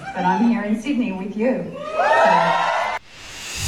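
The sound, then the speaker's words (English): A cinema audience at a Sydney screening of Practical Magic 2 bursts into loud cheering and rising whoops for about three seconds, voices overlapping, at Nicole Kidman's surprise appearance, before the sound cuts off abruptly into quiet. “making a surprise appearance at a Sydney screening of Practical Magic 2 last night, addressing the crowd with a shout out from co-star Sandra Bullock.”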